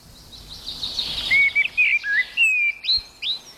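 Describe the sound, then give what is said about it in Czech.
A common blackbird sings a string of clear, fluty whistled phrases with short pauses between them, prominent over faint background hiss. “A jak už víme, tak vyhrál kos černý.”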